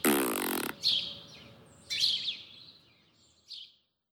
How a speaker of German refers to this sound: können Schnecken etwa auch pupsen?